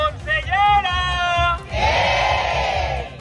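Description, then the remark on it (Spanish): A crowd at a strike demonstration shouts a loud chant in unison, then breaks into a sustained roar of many voices yelling together, with a steady low rhythmic thumping underneath throughout. “Más allá de los gritos, ambas partes aseguran que están abiertas al diálogo”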